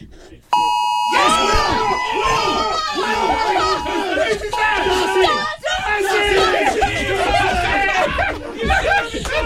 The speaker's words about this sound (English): Let's take you now to the moment. This is 1:59 and 50 seconds just before we all received the notification. Here we go.